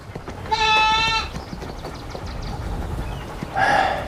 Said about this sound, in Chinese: 再说了，你都可以在这个铁道线上遛狗，我放只羊进去，这吃个草有什么吗你？